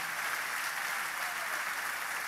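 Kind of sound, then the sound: crowd, applause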